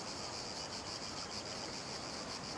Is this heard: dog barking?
no